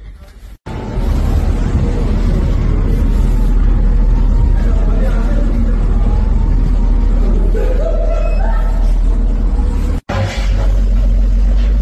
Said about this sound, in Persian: همجور که میبینید ترافیک هم از سمت شیراز لار در جریانه به سمت بندر عباس و از اونورم از طرف بندر عباس هم در جریانه. خب این پل یکی از پل‌های حیاتی منطقه است، واسه بندر عباس به لارستان جز جریان اصلیه.